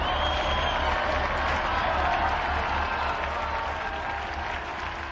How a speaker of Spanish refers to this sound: Unidos, pues, a la familia de los dominicos, extendida difusamente en América y en todo el mundo, y a quienes felicitamos cordialmente, brindemos nuestro vivo aplauso a Santo Domingo de Guzmán.